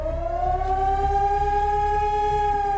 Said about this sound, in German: Heute ist wieder bundesweiter Warntag. Im Ortenaukreis heulen die Sirenen in insgesamt 32 Kommunen. Auch Rastatt und Baden-Baden beteiligen sich an dem Testalarm.